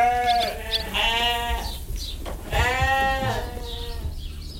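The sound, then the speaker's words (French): Ewes bleat loudly on a farm, several wavering, drawn-out cries overlapping one after another, with a low rumble of farmyard noise underneath and no one talking. “Alors, c'est vrai qu'ici, sur la ferme, vivent les brebis, les vaches, mais il vit aussi beaucoup d'autres animaux.”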